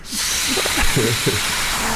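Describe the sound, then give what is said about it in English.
A voice imitates a fart, producing a hissy, sputtering blow broken into several short, pitched bursts over about two seconds, steady and moderately loud throughout. “Why do you know so many fart noises?”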